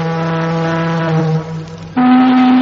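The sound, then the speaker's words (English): A ship's siren blows loudly with no talking: a low, buzzing sustained blast that dips briefly, then jumps to a higher, steady droning pitch for the rest. “Sound the siren! Sound the siren! Is the ship coming this way?”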